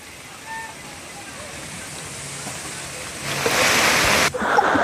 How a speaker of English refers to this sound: So these are the visuals from Mumbai. Heavy rains continue to lash Mumbai.